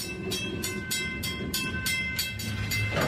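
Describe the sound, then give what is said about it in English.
A train rolls along the rails through Lac Megantic with a steady, rhythmic clickety-clack over a continuous low rumble, loud, with no voices. “About 5 months later, in December 2013, the scorched earth of Lac Megantic was once again giving passage to trains.”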